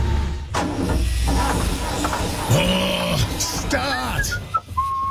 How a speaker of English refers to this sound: Hey mate, what's up with your excavator? It won't start.